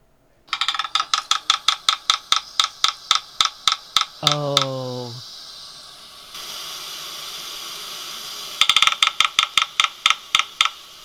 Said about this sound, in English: The red-breasted sapsucker. Because we pointed out the difficulty of distinguishing the drumming of those three woodpeckers we've already discussed, but listen to this.